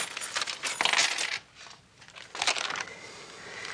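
Coins, keys and a watch clink and jingle as they are handed over and set down on a hard counter, a few bright metallic bursts with brief pauses between them.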